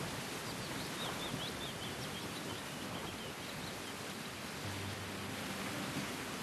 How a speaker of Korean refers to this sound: 대나무 잎이 막 이렇게 눈꽃처럼 날리는 그런 광경하고 그 새소리, 그 새소리를 들으면서 이게 너무 좋은데 이게 우리 할아버지가 저한테 주시는 선물이구나.